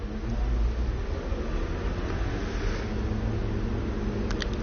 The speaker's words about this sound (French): Boulevard Saint-Germain. Des voitures, camionnettes, motos. Autobus 87. Une femme qui se dépêche juste devant moi. Une camionnette taxi fret SVP transport rive droite.